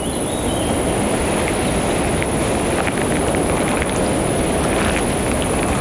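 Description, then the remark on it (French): A steady, high-pitched insect drone runs unbroken through the whole clip over a dense wash of low rumbling noise, with a few faint, scattered bird chirps flickering in and out, in a landscape in Lozère. “Et quelques chants d'oiseaux diffus composent ce paysage lozérien.”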